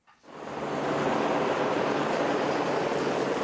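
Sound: helicopter flying in wind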